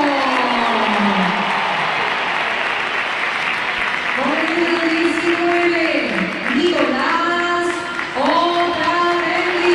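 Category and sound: crowd, crowd applause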